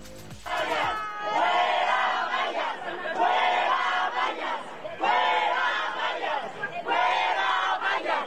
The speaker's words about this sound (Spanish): En la calle de Motolinía, los locatarios quitaron vallas al grito de sí se puede, mientras elementos de seguridad las recolocaron para finalmente dejar un acceso controlado.